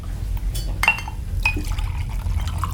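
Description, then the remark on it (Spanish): Liquid splashes and trickles into a glass, with a couple of bright clinks and tonal ringing as it fills, over a low steady rumble. “Dale un trago, Sancho.”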